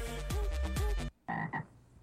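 A frog croak played on a radio show as a contest cue for listeners: a dense, buzzy stretch with two swooping croaks, then a brief silence and two shorter, higher croaks in quick succession. No voices.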